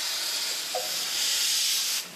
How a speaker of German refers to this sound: Die Abfahrt einer Dampflok ist in Japan durchaus ein Spektakel.